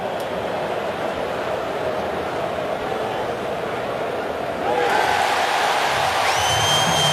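A large baseball crowd at Cleveland's ballpark murmurs steadily, then swells into a louder roar of cheering about two-thirds of the way through as Patrick Bailey wins his challenge of a pitch call, with two out in the 7th inning and Cleveland leading Seattle 4-0.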